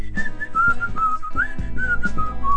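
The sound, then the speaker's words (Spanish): A bright whistled melody of short, sliding notes rises and falls over a steady instrumental backing with rhythmic strums, clear and upfront as a song begins. “La que empieza con el silbidito, ¿verdad?”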